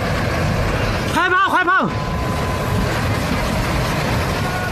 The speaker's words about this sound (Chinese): 画面中，泥石流发生时，一辆汽车正驶过路段，随即陷入泥石之中。